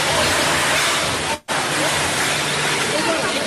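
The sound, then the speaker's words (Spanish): A building roof collapsing during an earthquake at the airport in Pereira, recorded on a live stream: a loud, unbroken roaring rumble with a harsh hiss across the whole range, cut by one split-second dropout partway through before the din resumes. “El ruido de que empieza a derrumbarse.”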